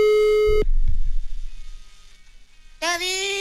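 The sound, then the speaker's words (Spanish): A telephone line rings during dialing: a steady electronic tone sounds for about half a second, a low rumbling gap follows, then the bright buzzing tone returns and holds. “Bueno, entonces marcamos a ver si ya se conectó.”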